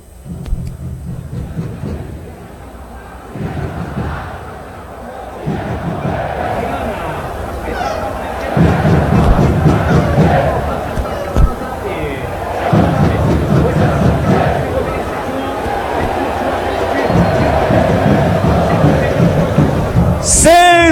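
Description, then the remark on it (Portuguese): A huge stadium crowd of Vitória football fans chants together with the team's players in their ritual, in loud, rhythmic surges of shouting. The roar swells and dips in steady pulses throughout, then a brief high-pitched squeal rings out at the very end. “E aquele momento, hein? Da torcida do Vitória e os seus jogadores.”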